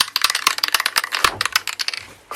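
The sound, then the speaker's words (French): A graffiti spray paint can, the kind used to paint murals, being shaken, its mixing ball rattling in a fast, uneven run of sharp, bright clicks that stays fairly loud throughout, with no voices. “Non, c'est une spray. C'est une bombe de graffiti.”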